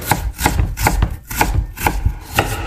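A knife chops garlic on a board in a steady rhythm, about seven sharp, moderately loud strikes with brief gaps, each a crisp tap with a bright edge. No one speaks.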